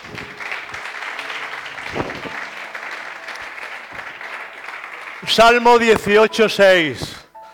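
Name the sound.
audience applauding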